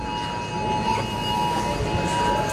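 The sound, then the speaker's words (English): Many phones in a supermarket sound a government emergency alert at once, steady high tones layered together in a continuous, overlapping drone over a busy background hum. “So the alarms are going off at the supermarket. Your phone alarm's going off.”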